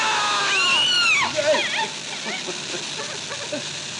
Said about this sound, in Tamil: ஒரு நாள் மேகம் இடித்தது, மின்னல் வெடித்தது, காற்று அடித்தது, காடு துடித்தது, நிலம் அசைந்தது, மழை பொழிந்தது.